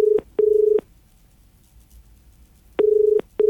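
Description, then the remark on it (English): A telephone ringback tone purrs in two double rings, each pair of steady buzzing pulses followed by a long pause, clear and fairly loud over faint background hiss, as an outgoing phone call goes unanswered before reaching voicemail. “You've just got to answer the phone. If it goes to message bank, you miss out.”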